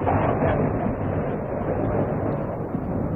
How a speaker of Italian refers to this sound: Cos'è stato? Si direbbe un temporale.